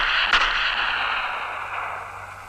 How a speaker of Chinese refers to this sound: 对，枪声。